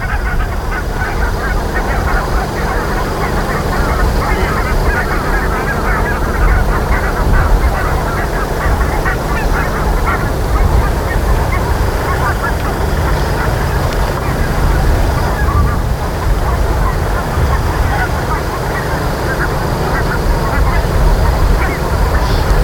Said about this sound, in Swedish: Men det vi hör nu... Ja, det man hör nu, det är en flock med vitkindade gäss.